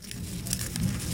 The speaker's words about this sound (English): That's the sound of a monarch butterfly rustling its legs.